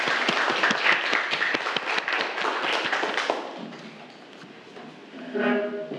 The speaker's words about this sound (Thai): ครับนักเรียนปรบมือให้เพื่อนทั้ง2กลุ่มด้วยครับ